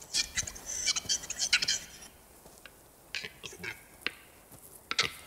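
Capercaillie cocks' courtship display calls in the Bavarian Forest: a run of sharp, dry clicks and pops, bunched into quick bursts early on, then sparser single knocks separated by quiet gaps.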